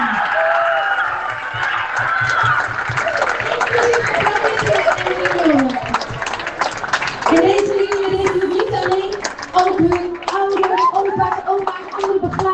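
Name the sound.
loud audience applause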